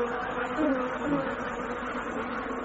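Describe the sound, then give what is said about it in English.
A dense, continuous drone of a swarm of about 400 bees buzzing together, a steady hum that wavers slightly in pitch and stays fairly loud throughout. “Now, it was the obvious thing, a swarm of 400 bees.”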